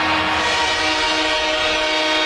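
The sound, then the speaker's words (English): A loud, sustained train horn blares steadily for the whole stretch, a dense tonal roar with layered harmonics and no pauses or voices. “A-Train motivated by that train noise, maybe.”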